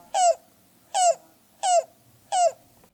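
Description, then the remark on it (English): A yellow-billed cuckoo calls four times in a steady, evenly spaced series of hollow, slightly downslurred notes, clear, with no other sounds around them. “Here's the yellow-billed cuckoo.”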